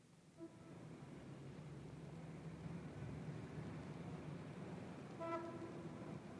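A tram rumbles steadily past, sounding two short, bright horn toots, one near the start and another toward the end, with no voices.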